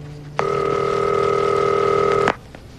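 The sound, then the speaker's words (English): A single steady electronic telephone tone sounds as a call is placed, lasting about two seconds, clear and fairly loud, then cuts off abruptly. No voices accompany it. “Oh, I'm really glad you answered the phone.”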